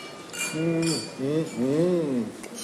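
Wine glasses clink together in a toast, a few bright, short chimes spaced across the moment, while voices speak over and between them.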